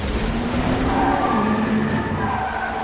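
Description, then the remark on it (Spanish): A motorcycle carrying Natasha and Yelena swerves down an alley as a van pulls out, its tires skidding in a loud, continuous screech that wavers in pitch for about three seconds, backed by rough engine and road noise. “Una furgoneta sale y Natasha y Yelena se desvían por un callejón.”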